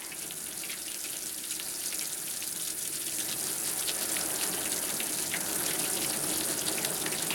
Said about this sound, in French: C'est qui fait tomber la pluie? Des fois, je me demande, c'est qui fait tomber les couteaux de là-haut, hein?